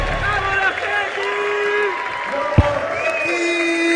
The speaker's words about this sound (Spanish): Se llevan el aplauso, se llevan el cariño, la ovación de Jesús María en esta noche de lunes, ya madrugada, entrado el martes, y esto sigue.